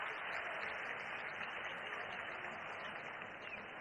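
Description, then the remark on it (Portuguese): Steady applause from part of a large football stadium crowd as Neymar leaves the field, substituted by Robinho Júnior, a dense continuous wash of clapping that stays fairly even throughout, with no voices standing out. “Estádio aplaude. Não é a maioria que aplaude, não.”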